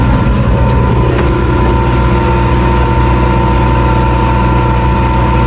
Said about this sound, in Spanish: Hoy te mando la postal sonora subidos a un tractor.